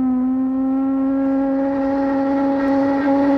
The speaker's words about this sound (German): Ja, könnte ein Wasserkocher sein, könnte auch so eine Dampflok sein, könnte aber auch eine, ja, Schiffshupe sein. Schiffshupe, das ist das Stichwort,